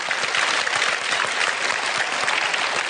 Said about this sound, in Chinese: 感谢大伙儿的掌声鼓励。哎， 谢谢您各位。